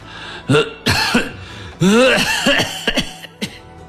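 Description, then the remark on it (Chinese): A man, as Emperor Wu of Han, coughs several times in rough, hoarse bursts with uneven gaps, some catching in the throat and trailing into strained, wheezy breaths. “武帝咳了几声，喘息了一阵”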